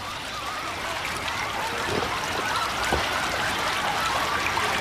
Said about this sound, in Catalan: Però hem arribat al riu. Correu a beure aigua.